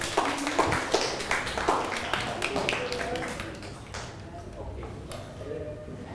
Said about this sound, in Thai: ปรบมือให้เพื่อนครับ